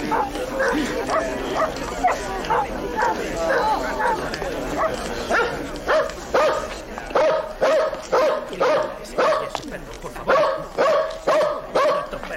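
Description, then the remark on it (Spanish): A dog barks over and over, loud, the barks settling into a quick, steady rhythm in the second half, with excited voices mixed in early on. “¿Este es su perro?”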